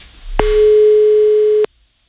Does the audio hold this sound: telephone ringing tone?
yes